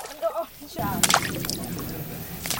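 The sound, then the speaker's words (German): A brief voice, then splashing in the shallow water of the Eisbach stream: irregular sloshing with a few sharper splashes over a steady rushing wash. “Endlich mal mit so ein bisschen Wasser.”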